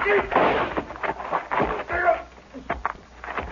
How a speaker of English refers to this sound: Rifle went off when I knocked it aside.